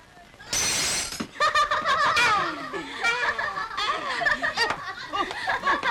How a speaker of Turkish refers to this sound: Sadık amca camı kırdı, Sadık amca camı kırdı!